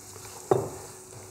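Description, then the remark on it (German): Mushrooms drop into a hot pan oiled with olive oil with a sudden clatter and burst of sizzling that quickly settles into a steady, quieter hiss as they are seared at high heat to brown. No one speaks. “Brutzeln wir hier an.”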